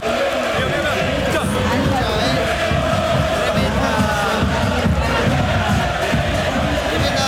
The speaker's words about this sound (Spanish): Tremendo el clima acá, Está gritando toda la platea. Enardecida la platea.